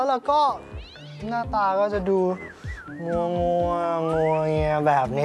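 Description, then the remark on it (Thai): A cat fighting with a dog yowls in drawn-out, rising and falling wails beneath a man's steady talking, its cries sliding up and down in pitch across several seconds. “แต่ถ้าเกิดว่าวันไหนตื่นก่อนเวลาเพราะว่าได้ยินเสียงเจ้าแพนเตอร์เนี่ยทะเลาะกับสุนัข”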